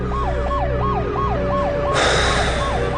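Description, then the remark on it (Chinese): A loud ambulance siren wails in quick, repeating up-and-down sweeps over a low engine rumble, with a burst of harsher noise cutting in partway through, as special police officers carry a stretcher to the ambulance. No one speaks. “担架被两个眼睛红红的特警队员抬起来送往救护车。”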